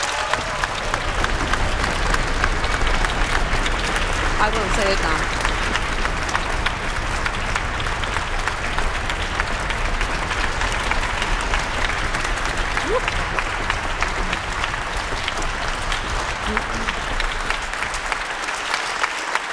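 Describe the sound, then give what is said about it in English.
Sustained, dense applause from a large audience at a music competition, following congratulations to the winners, fills the whole stretch at a steady loud level, with a brief spoken phrase faintly audible over the clapping. “A round of applause.”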